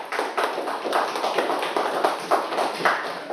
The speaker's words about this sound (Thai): กลุ่มที่4 เกษตรกรครับ อาชีพเกษตรกรค่ะปรบมือให้กับกลุ่มที่4หน่อยค่ะ